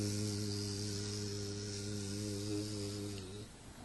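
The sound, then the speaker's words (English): A bee buzzes in flight with a steady, low, droning hum that holds an even pitch for about three seconds, then cuts off, leaving faint background hiss. “When bee is flying, she is chanting her mantra. You can hear them.”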